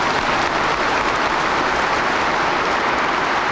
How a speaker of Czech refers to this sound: Potlesk a jásot na počest sovětské okupace v roce 1968. Na sjezdu zazní ještě mnohokrát.